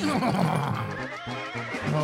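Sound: horse neighing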